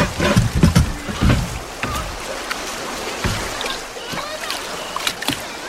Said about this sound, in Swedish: Men Albert hann inte svara, för i detsamma for tunnan ner för ett litet vattenfall.